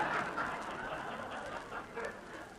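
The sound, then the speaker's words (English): Ducks quack in a noisy, overlapping chorus for a couple of seconds, a steady jumble of nasal calls with no pauses between them. “Oh, go shoot a pigeon. Those were ducks.”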